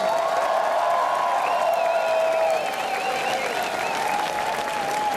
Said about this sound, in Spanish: ¡Un aplauso para todas las personas con VIH!